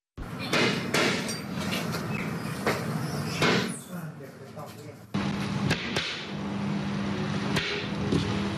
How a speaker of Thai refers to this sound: ตอกไปก่อนเพื่อนำร่อง